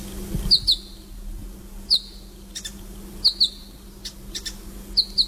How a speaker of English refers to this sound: They are the New Holland honey eaters. No question about them, by the way. It's just a beautiful sound.